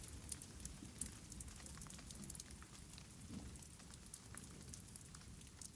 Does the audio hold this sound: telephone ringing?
no